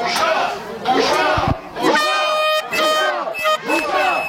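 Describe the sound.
A crowd of about 30 to 40 angry Israeli protesters shouts 'a disgrace' loudly in Hebrew outside the home of the parents of director Rachel Zor, voices overlapping in repeated angry bursts, while steady car horns blare beneath the clamor; police are present and the street is closed off.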